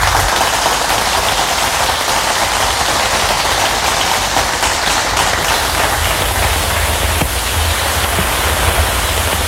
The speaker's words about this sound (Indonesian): Hujan lagi. Loh, tapi kok rasanya beda ya? Kamu tahu gak sih? Itu tuh namanya hujan asam.